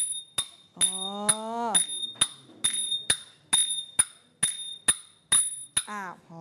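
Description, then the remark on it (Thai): Thai ching cymbals, metal percussion, are struck by children during a music lesson about a dozen times in a steady, even rhythm, each hit a sharp, bright, high metallic ring. A voice briefly sounds beneath some of the early strikes. “ต่อไปเครื่องตีนะคะทำจากโลหะนั่นก็คือฉิ่งนั่นเองลองตีสิคะระวังนิ้วนะคะตีให้เกิดเสียงโอเคเด็กๆตีเลยตีไปเรื่อยๆค่ะเพื่อนๆดูนะคะว่ามันเกิดเสียงยังไง”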